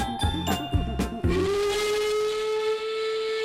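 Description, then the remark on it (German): A steam train whistle blows a long sustained tone after several rhythmic chuffs of the engine, with hissing steam underneath; loud, no voices. “Doch dann pfeift sie und sie bimmelt, rattert, knattert, dampft und faucht, ruckelt, zuckelt, klappert, plappert, bebt und bippert, rollt und raucht.”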